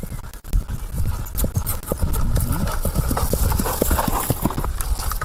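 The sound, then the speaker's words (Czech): Horse hooves clop steadily in a brisk, uneven rhythm on the slopes of Grmeč mountain, at 1,050 metres above sea level, each sharp knock ringing out over a low rustling background, with no voices present. “Dok kopita odjekuju padinama Grmeča,”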